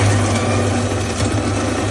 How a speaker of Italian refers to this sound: Qualcuno però ci ha mandato la propria macchina del caffè, cioè proprio l'audio.